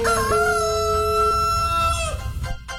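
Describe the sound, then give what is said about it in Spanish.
A rooster crows one long, loud cock-a-doodle-doo at 5:34 in the morning, its harmonic call sustained for about two seconds before trailing off into a short tail of faint noise. “Vamos a ver que le zumbe, que le cante el gallo.”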